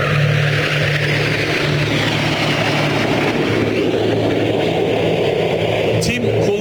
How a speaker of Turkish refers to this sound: F-5 savaş uçaklarıyla gerçekleştirdiği senkronize manevralar, şu anda yaptıkları senkronize manevra ve yüksek hassasiyet gerektiren gösterileriyle dünyanın sayılı akrobasi ekipleri arasında gösteriliyor.